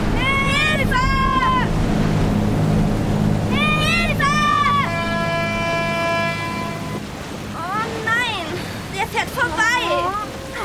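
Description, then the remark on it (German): A water taxi boat's engine rumbles steadily over splashing waves and wind as it approaches, while voices call out to it over the noise and a sustained horn-like tone sounds midway. “Das Wassertaxi!”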